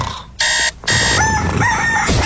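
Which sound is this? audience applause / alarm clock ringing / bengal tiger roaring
alarm clock ringing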